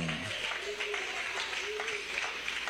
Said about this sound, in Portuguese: Bate palmas, dai glórias ao nome dele.